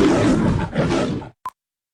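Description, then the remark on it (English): A loud, rumbling lion roar lasts over a second, swelling twice before cutting off, followed by a short pause and a brief, sharp electronic beep. “The only drive-thru in Winona's animal kingdom, approved by the king of the jungle.”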